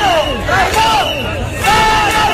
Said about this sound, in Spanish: Con gritos de dimisión del delegado del gobierno, al que acusan de traidor.